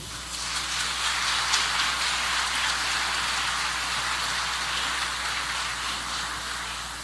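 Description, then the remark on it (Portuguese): An audience claps steadily for about seven seconds, a dense, even wash of many hands holding at a constant loudness without anyone speaking over it, welcoming Fabiano Bacchieri as he is introduced as a juror at a gaúcho music event. “O aplauso de vocês para Fabiano Bacchieri.”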